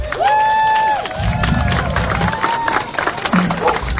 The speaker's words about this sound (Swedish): Och sen är det jättemånga här som jobbar idag och som har jobbat tidigare. Och alla jobbar ideellt. Och det tycker jag att de ska ha en stor applåd för.